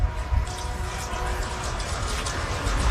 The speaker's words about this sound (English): Your train off in the distance. Just like we're at T-Mobile Park.